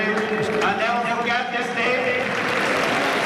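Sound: audience applauding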